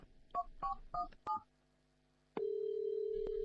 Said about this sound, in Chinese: 用 IC 卡电话机拨通了戚静静电话